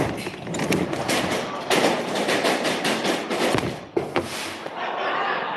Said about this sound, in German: Dadurch löst sich die Spannung an einer an der Decke hängenden Leiter. Diese kippt nach links, bringt eine hölzerne Walze ins Rollen. Schließlich sprühen Funken und es kommt zu einer kleinen Explosion.